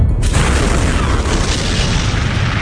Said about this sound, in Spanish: A las 8 y cuarto de la mañana, un bombardero estadounidense llamado Enola Gay dejó caer la primera bomba atómica de la historia sobre una ciudad, Hiroshima.